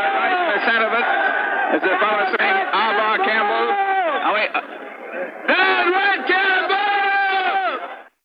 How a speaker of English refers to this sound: They're on the streetcar tracks, but the police at the moment seem to have things well in hand. They jeer as the police try to push them back. The police are now forming a line and pushing the crowd back.